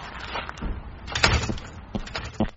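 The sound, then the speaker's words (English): A door is pulled open with a series of clunks and rattling scrapes, peaking in a louder knock partway through, followed by a couple more sharp bumps. “got the door? Getting it.”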